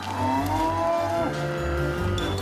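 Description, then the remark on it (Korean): A calf that escaped from a cattle shed moos loudly, a drawn-out bellow with a rising then falling pitch, followed by a second shorter call, while people chase the escaped calves to herd them back; no one speaks. “다른 송아지도 찾아봅니다.”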